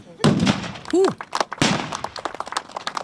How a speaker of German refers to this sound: Applaus zwischen Pulver, Dampf und Donnerschall. Gut 50 Kanonen haben am Wochenende für die entsprechende Lautstärke auf der Königspfalz in Tille da gesorgt.